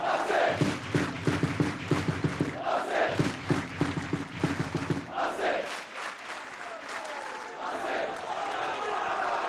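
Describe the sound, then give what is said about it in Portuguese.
At the end of the Mafra vs Académica football match (3-3), team and fans in the stadium clap in unison in their usual post-match ritual, sharp rhythmic beats over a low droning chant for about five seconds, then dissolving into a loud, sustained roar of cheering. “Toda a gente a bater palmas.”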